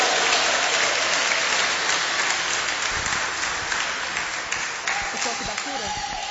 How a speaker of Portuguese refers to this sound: Receba ele com bastante palmas e glória a Deus.